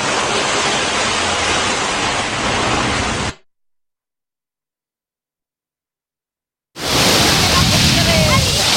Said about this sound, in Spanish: A partir de este momento suena la playa y suena la radio más fresquita que nunca,